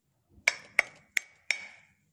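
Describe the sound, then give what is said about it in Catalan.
Four sharp taps struck on a thick stone millstone, evenly spaced about a third of a second apart, each a bright ringing knock with a short decay, heard alone without talking. “Aviam, piquem, aviam com sona la mola.”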